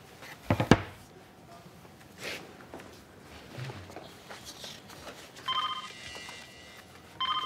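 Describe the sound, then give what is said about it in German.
Midway through, a mobile phone starts ringing with a bright electronic tone, stops briefly, then rings again, after some quiet room noises and a few soft knocks and footsteps. “Richard, dein Handy.”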